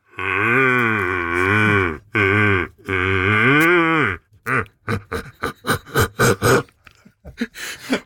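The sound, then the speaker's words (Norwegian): A person, holding a hand in front of the mouth, imitates the roar of a big red deer stag: three long, loud, deep groaning bellows, then a rapid series of short, rhythmic grunts that trail off. “la oss få høre lyden av hjort.”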